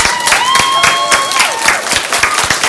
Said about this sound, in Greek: Ένα θερμό χειροκρότημα, παρακαλώ πολύ.